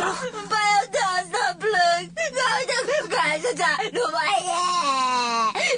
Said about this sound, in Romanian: Nu mai plânge.